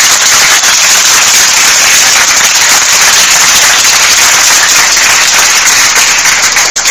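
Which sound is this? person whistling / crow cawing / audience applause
audience applause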